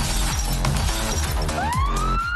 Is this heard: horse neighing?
no